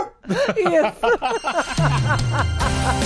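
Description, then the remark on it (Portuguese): A toy piano sounds its electronic dog bark: a quick, rhythmic run of about eight small yappy barks, then a steady buzzy tone that holds to the end. “É um cachorrinho.”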